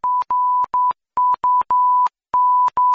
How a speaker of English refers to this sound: the beep that they put on top of that word to stop me being offended.